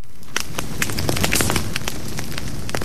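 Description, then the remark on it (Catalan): A festive celebration fire burns steadily with a low roar, sharp crackles and pops bursting irregularly throughout, fairly loud, with no voices. “Avui comencem bé, amb foc, però foc del bo, no del que crema i fa mal als boscos, no, foc de festa.”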